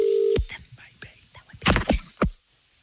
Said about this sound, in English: Let's dial in their number. All they have to do is answer the phone.